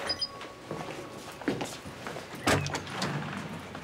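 A motorized door mechanism whirs and clunks open after a spoken voice command and security code, with a couple of sharp mechanical knocks in the middle and a faint hum in the background.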